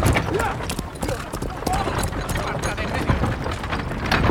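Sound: horse hooves clip-clopping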